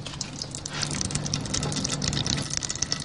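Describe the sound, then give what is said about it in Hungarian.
Dark brown pumpkin seed oil, being pressed out through a perforated vessel, trickles steadily into a red Bonyhád pot placed beneath it, under a constant low mechanical hum, with fine crackling and splattering flecks throughout, at the Tök Jó Porta in Őrimagyarósd. No one speaks. “és elméletileg az edénynek, a lyukas edénynek az oldalán akkor így is van, megindul a sötét barna színű olaj, és elkezd lecsorogni abba az edénybe, abba a piros bonyhádi edénybe, amit alá tettünk.”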